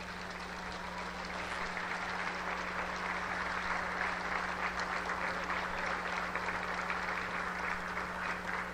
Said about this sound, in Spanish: Vamos a dar un fuerte aplauso por todos estos niños, niñas, adolescentes, jóvenes que el día de hoy reciben sus libros de texto gratuitos.